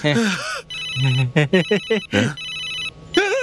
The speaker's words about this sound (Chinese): 是老板的电话，手机。